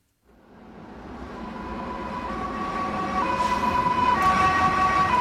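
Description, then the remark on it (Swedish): Sirens of several police patrol cars driving toward Avenyn, Gothenburg's main boulevard, on the night of Tuesday 27 January, wail steadily over a low rumble of traffic, growing louder over the five seconds, with several high tones overlapping and shifting in pitch. No one speaks. “Flera polispatruller kör mot Göteborgs paradgata, Avenyn, natten till tisdag den 27 januari.”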